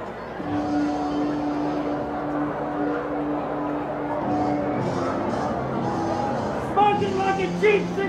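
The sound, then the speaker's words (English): A steady, dense murmur of a full baseball stadium crowd at Marabito Stadium at night, broad and continuous throughout, with a sustained organ-like tone underneath and a brief swell of brighter cheering near the end. “Crowd loving this action right now.”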